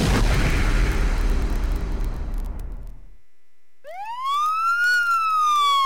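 A police siren sound effect on radio station XEBA, 91.7 FM, Villahermosa, Tabasco, Mexico: a loud, rumbling blast fades out over a few seconds, then after a short silence a police siren starts wailing, its pitch sweeping up and then sliding back down.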